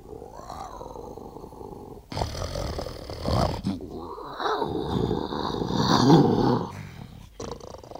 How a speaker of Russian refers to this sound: А что же, например, вот сейчас этот лев говорит? Послушайте.